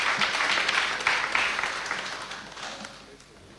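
An audience breaks into applause, a dense wash of many hands clapping that starts fairly loud and gradually tapers off over a few seconds, with no one speaking.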